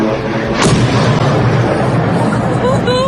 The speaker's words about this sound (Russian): А вот в Орске, Оренбургской области, атаку беспилотников местные власти уже подтвердили. Под ударом оказался Орский НПЗ. Жители сообщают, что прогремела целая серия взрывов. Еще взрыв.